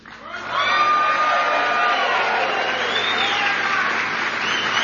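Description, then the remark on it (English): A large crowd at a Campaign 2026 rally in Sterling Heights, Michigan, breaks into loud, sustained clapping and cheering for a trucker, with whoops and shouts rising over a dense wall of applause that holds steady to the end. “Now, I made y'all clap for him before I told you that he's actually from my home state of Ohio.”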